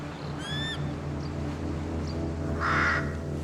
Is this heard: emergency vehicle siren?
no